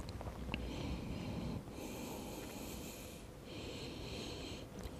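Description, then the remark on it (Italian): Two slow, deep breaths taken while relaxing the legs during a stretching exercise, each a long airy hiss of more than a second, with a brief pause between them and no talking. “Porto le orecchie allineate agli omeri, stiracchio un po' i muscoli dorsali, rilasso le gambe e mi concedo qualche respirazione.”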